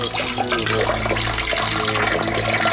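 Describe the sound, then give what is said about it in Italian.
Fresh water pours steadily into a drinking glass, a continuous splashing and gurgling that stays fairly loud for a few seconds with no one speaking. “Bevete un bel bicchiere di acqua fresca.”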